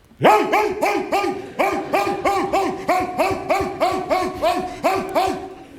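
A specially trained dog barks like a police dog in a rapid, insistent series of about a dozen loud, evenly spaced barks, alone, with the aggressive, drilled sound of a guard dog.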